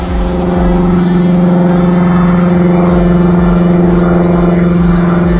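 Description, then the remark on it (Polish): A loud, steady airplane engine drone with a deep humming tone and throbbing low rumble, holding constant for about five seconds with no voices. “Dziś namawiamy Was do lekkiego wyluzowania i próby oddania dźwięku samolotu. Tak naprawdę brzmią?”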